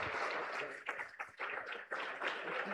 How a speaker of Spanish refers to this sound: Y le recibimos con fuertes aplausos para Cristo Jesús.